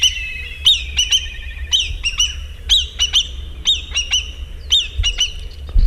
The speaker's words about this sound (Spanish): Esto es un milano negro que no llega a volar tan alto, pero bueno, seguramente sería capaz de hacerlo, seguramente.